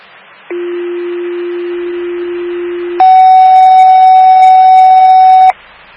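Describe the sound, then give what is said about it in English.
A loud two-part fire station dispatch alert tone for a fire alarm at station 25, ahead of a medical call: a steady low tone for about two and a half seconds, then a higher, brighter sustained tone for another two and a half seconds, ending abruptly. “fire alarm, station 25.”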